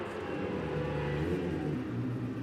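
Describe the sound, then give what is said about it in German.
A motorcycle engine is started and runs, its pitch climbing and dipping as the throttle is revved, loud and steady throughout with no voices. “Ich werfe die Maschine an.”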